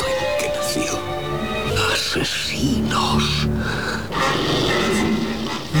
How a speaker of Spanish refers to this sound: gruñido animal corta en seco la indignación de Gregory Peck. Y entonces, una jauría de perros Rottweiler se lanza sobre los protagonistas.